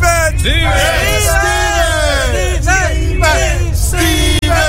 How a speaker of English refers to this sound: Stephen! Did you hear that? They're shouting your name, Stephen, over and over.